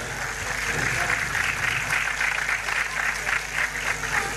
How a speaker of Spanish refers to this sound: Fuertes los aplausos, señoras y señores.